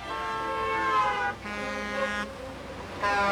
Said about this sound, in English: The cars kept speeding by and honking.